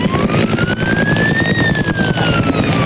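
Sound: firefighting helicopters operating overhead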